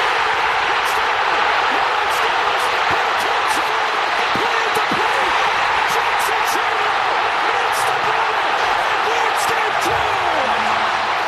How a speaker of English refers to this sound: We saw that, and both of us, I've never heard a crowd that loud. No, that was a huge pop. You can't even hear the announcer.